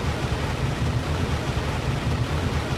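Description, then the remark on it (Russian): Sudden heavy rain pours down in a dense, steady roar, a thick wash of hiss with a low rumble beneath it. It holds at a constant level throughout, with no voices. “Внезапно горы исчезли и хлынул дождь.”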